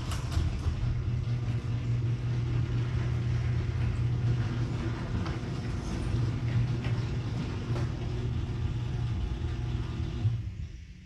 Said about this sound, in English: Oh, by the way, everyone, this is what my garage doors sound like right now.